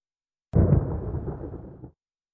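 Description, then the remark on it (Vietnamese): A sudden, loud electric crack bursts in, then a heavy crackling rumble sustains for over a second before cutting off, like the sound effect of a ninja's lightning-strike technique (Raijin no jutsu), with no voices. “Raijin no jutsu. Còn câu này có thể hiểu là thuật sét đánh.”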